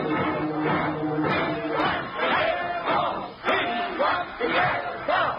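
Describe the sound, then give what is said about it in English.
An angry crowd of rooters gathered in front of the Yale dressing room murmurs and grumbles together, a steady, restless hubbub with occasional louder shouts rising out of the mass, continuous throughout. “An angry crowd of rooters is gathered in front of the Yale dressing room,”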